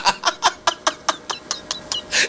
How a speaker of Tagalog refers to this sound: May manok si San Pedro.